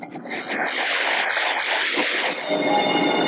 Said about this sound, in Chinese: 如今，窄轨的滇越铁路渐趋沉寂，新兴的动车疾驰穿越，鲜红的荔枝乘上列车，自深山出发，前往昆明等周边城市。